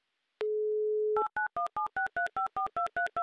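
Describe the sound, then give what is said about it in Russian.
A steady telephone dial tone hums briefly, then gives way to a quick run of about eleven crisp keypad dialing beeps, evenly spaced and fairly loud, with no voices, as a Humor FM radio host dials a listener's phone number in Ulyanovsk. “Такое ощущение, что есть гудки.”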